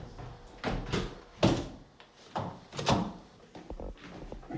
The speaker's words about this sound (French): Merci de m'avoir ouvert ces portes-là. On va les refermer.